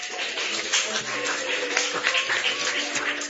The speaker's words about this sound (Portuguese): Esta noite é uma noite memorável, é uma noite inesquecível. Palmas para Jesus. Glória a Deus.